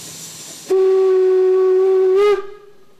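A loud, steady steam locomotive whistle blasts for about one and a half seconds, then cuts off into a trailing hiss of steam, with broad hissing before it starts; a narrow-gauge steam locomotive on the Fichtelberg railway, climbing from Cranzahl station up to Oberwiesenthal.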